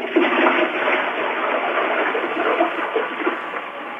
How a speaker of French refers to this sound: Non, pas tirez la chasse d'eau pour voir. Tirez la chasse d'eau. Avec le pain dedans? Avec le pain dedans? Ben oui. Oui.